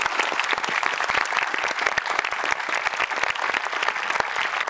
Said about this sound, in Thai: ขอเสียงปรบมือให้คุณพ่อคุณแม่และคุณพ่อคุณแม่ของใครอีกหลายๆคนที่ทำแบบนี้ด้วยนะครับขอบคุณมากเลย